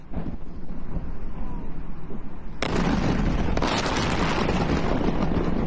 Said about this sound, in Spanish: Los videos que llegan desde Irán muestran explosiones contra infraestructura estratégica. Por su parte, el Comando Central de Estados Unidos informó que se realizaron 90 ataques coordinados en distintos puntos de Irán.